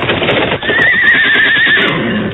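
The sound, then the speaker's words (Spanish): A horse, frightened by a viper, gives a loud, shrill, agitated whinny with a wavering, quivering pitch, sustained for over a second against a busy background of rustling noise. “¡Mira lo que espantó su caballo!”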